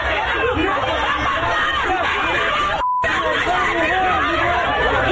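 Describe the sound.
A dense crowd, including the victim's family, shouts and yells at a suspect as police walk him out of a police station in handcuffs in front of reporters. The voices form a loud, continuous roar of overlapping shouts, interrupted once midway by a short, high beep in a brief dropout.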